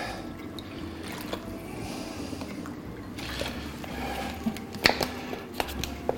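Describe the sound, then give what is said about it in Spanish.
Cool water pours steadily into a glass holding a crushed piece of garlic for several seconds with a soft, continuous trickling rush, broken by a few light clinks and splashes near the end. No one speaks. “Agua fresquita.”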